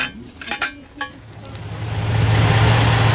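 A vehicle engine hums and gradually builds into a steady, droning rumble inside a moving bus during a long bus trip, with a few soft clicks and knocks early on.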